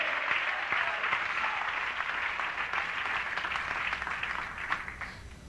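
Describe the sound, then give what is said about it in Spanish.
An audience applauds in gratitude to God, a dense, even wash of many hands clapping that holds at a fairly loud level throughout before easing slightly at the end, with no speech. “Dale un aplauso de gratitud a ese Dios.”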